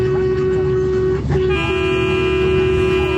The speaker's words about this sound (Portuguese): Buzina? Então toma. Ó, ó. É aqui o Brasil inteiro buzinando.